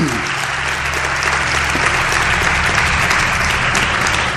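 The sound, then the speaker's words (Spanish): Steady, sustained applause from an audience fills the whole stretch, a dense wash of clapping that stays loud and even without letting up. “si queréis aplaudir, aplaudir, ¿eh? Que ibais a aplaudir.”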